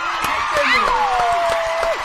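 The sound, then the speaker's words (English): Studio audience applause on the show 5 Drive: dense, steady clapping mixed with cheers and whoops, plus a loud sliding whistle that falls in pitch, filling the whole couple of seconds. “Round of applause. In fact, get the studio crowd in here.”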